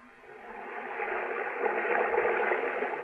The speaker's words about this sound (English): When I press my ear against the wall, I can hear the water running like it was a river under the ground.